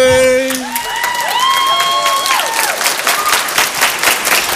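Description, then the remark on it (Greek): A loud burst of audience applause with cheering on the Greek morning show Choice Breakfast, dense rapid clapping running throughout, overlaid with rising and falling whoops and whistles early on. “Θερμότατο χειροκρότημα σε όλους.”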